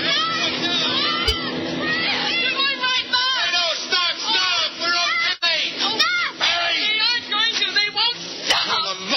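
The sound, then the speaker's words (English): A group of voices yells, shouts and waves together to stop passing vehicles, loud and overlapping, with rising and falling high-pitched cries that continue without a break for the whole stretch. “When I say go, we all start yelling and waving for all you're worth, okay?”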